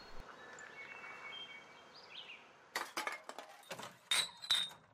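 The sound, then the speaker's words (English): Empty glass bottles clink together in a quick, irregular cluster of sharp, ringing knocks, fairly loud, after a couple of seconds of quiet background hiss. “Hey, did you know you can donate those empties to help clean beaches?”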